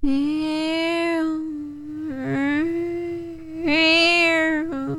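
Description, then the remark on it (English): A voice imitates the whine of a mosquito in a room at night with a steady, nasal, buzzing hum that holds one pitch for about five seconds, wavering slightly and swelling louder twice. “I saw a video the other day, and this woman did a great impression of what a mosquito sounds like when it's in your room at night.”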